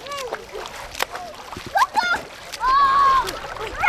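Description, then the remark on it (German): Kids splashing and playing in the small river Jagst in Ellwangen, here about 40 cm deep and 2 metres wide, with repeated splashes and sloshing, children's voices calling and shouting over the top in a lively, echoey outdoor scene. “Auch wenn das nach Schwimmbad klingt, die Kinder spielen hier im kleinen Fluss Jagst.”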